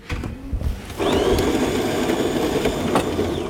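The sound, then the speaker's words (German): A brand-new coffee machine in the newsroom of a public broadcaster in Daugavpils starts up, a steady loud whirring and grinding hum with a rising whine that holds to the end after a brief quieter moment of background noise. “In den Redaktionsräumen von LSM, dem öffentlich-rechtlichen Rundfunk in Daugavpils, ist nicht nur die Kaffeemaschine brandneu.”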